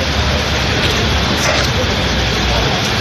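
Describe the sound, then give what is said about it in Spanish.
Steady, dense rain pours down without a break during a late-August storm in Spain, a loud hissing wash of countless drops, holding an even level for the whole few seconds. “Ha llovido, llueve y va a seguir lloviendo.”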